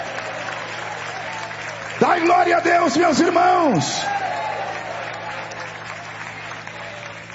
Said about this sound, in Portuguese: Isso. Quem pode bater palmas e dar glória a Deus?